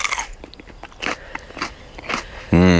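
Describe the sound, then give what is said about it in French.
Crisp crunches of someone biting into a fresh pepper, followed by a few wet chewing crackles at irregular intervals, then a voice starts speaking at the very end. “Bien sûr qu'on peut en croquer, évidemment.”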